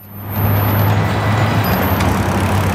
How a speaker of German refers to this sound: Eine Straßenkreuzung im Osten Pekings. Auf 8 Spuren überschneidet sich der Verkehr.